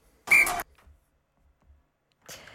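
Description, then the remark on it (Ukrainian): A short, shrill whistle blast with a breathy, hissing edge, signalling the start of the weather forecast segment in a studio, lasts about a third of a second, then near silence with faint low thumps, and a brief noisy burst at the end. “Цей свисток означає початок треба погоди.”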